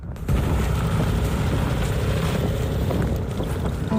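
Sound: snowmobile engine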